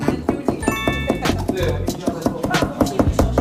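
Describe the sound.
Rapid, steady knife chops strike a cutting board, a brisk rhythmic series of sharp thuds running throughout, with people talking underneath.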